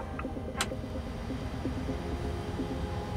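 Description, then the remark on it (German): A steady, low aircraft engine rumble with faint whining tones layered on top, continuous throughout, with a brief sharp click near the start, as engine number one of the aircraft is started with the brake set. No voices. “Okay, wir lassen an. Engine number one start.”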